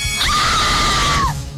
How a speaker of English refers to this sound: I want you to scream your loudest scream in front of everybody. Are you ready? Yes, I'm ready. 3, 2, 1, scream!